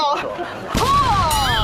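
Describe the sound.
A single sharp, loud crack as peanut brittle is hammered open partway through by a street vendor in Xingcheng, China, followed by a brief rattle of breaking pieces, with a voice sounding over the top.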